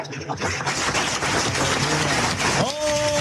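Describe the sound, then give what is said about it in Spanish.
A crowd claps steadily for the Lord in a dense, crackling wash of applause for over two seconds, then a sustained, tonal voice or note rises over the fading clapping at the end. “Un aplauso para el Señor de la vida y de la muerte.”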